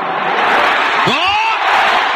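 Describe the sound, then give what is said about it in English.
A large crowd at the MCG roars steadily and loudly throughout, celebrating Carlton's first goal of the final term against the Cats in a footy match, with a single rising whoop or whistle cutting through the din near the middle. “The crowd will tell the story, Robbie, to the punt road end.”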